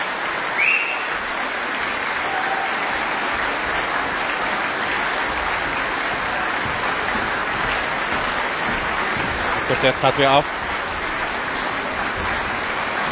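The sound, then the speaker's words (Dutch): A concert audience at the opening concert of the Zeister Muziekdagen applauds the Belcha quartet after three Beethoven string quartets, hoping for an encore; a steady, dense, even wash of clapping that never lets up. A man's voice briefly speaks over it near the end. “Ze hebben de vraag of het publiek nog door blijft klappen en wenst voor meer.”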